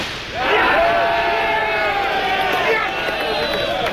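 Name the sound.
crowd cheering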